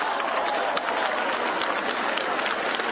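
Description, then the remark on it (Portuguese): An audience at a church service claps hands in praise of God, steadily and loudly, a dense, continuous patter of many overlapping claps with no voices standing out, lasting the whole three seconds. “Bate palmas da glória.”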